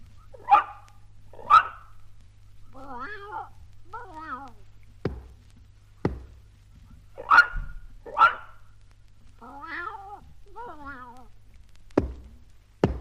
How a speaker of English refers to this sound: You see, they want to try it a different way. Mr. Pooh will bark twice, Timothy will meow twice, and you must pat twice, like this.